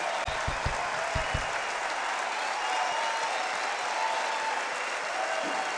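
A standing ovation for a singer: dense, steady applause from a crowd that holds at an even loudness for the whole stretch, with a few low thumps early on and no voices.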